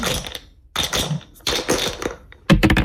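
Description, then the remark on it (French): Two dice clatter and tumble across a hard surface in several quick rattling bursts, fairly loud, with brief pauses between and a sharper cluster of taps at the end; rolled in a radio game on ICI for FC Sochaux tickets, landing on 6 and 1. “vous allez nous envoyer, nous dire un petit top, et puis les dés vont être jetés, allez-y.”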